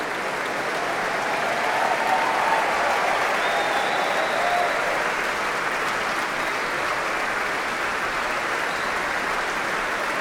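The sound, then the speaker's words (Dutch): Sustained, dense applause from the audience in the large main hall of the Concertgebouw for soloist Sol Gabetta with the Concertgebouw Orchestra, hoping for an encore, steady and loud throughout with no pauses, a few faint cheers rising briefly above the clapping. “Iedereen blijft klappen.”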